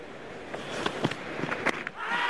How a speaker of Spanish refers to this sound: Así suena primero el lanzamiento de la bola. La gente aplaude en la grada.